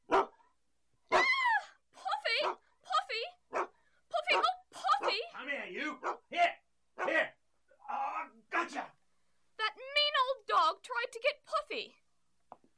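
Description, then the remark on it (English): A big dog, determined to get a cat and pushing a person out of the way, barks loudly in a long, irregular series of deep woofs, some drawn out into whining, yelping cries between the bursts. “He's a big dog trying to push me out of the way.”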